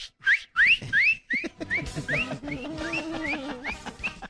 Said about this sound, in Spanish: Silbando.